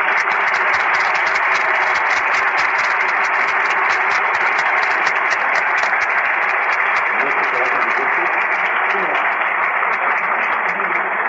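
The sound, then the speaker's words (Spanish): A crowd at a congress applauds the event's organizers steadily for about eleven seconds, a dense, even wash of clapping that holds at a constant loud level, with faint voices mixed in underneath. “Y para ellos pido un aplauso.”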